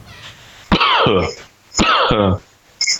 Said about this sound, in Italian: Ciao, premetto che ho un po' di tosse asinina, per cui se senti dei colpi... Cos'è la tosse asinina? Non è il...